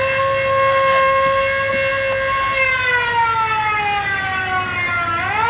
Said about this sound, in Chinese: 警报！快拉警报！